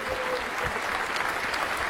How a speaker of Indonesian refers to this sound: Baik Bapak Ibu, tepuk tangan dulu untuk setiap anak-anak kita yang bertanding pada hari ini.